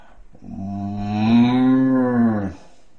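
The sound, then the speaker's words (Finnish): A person imitates a cow's moo with a single long, low, droning call that swells in the middle and fades out after about two seconds. It is fairly loud, with no other sounds. “Tulee lehmä.”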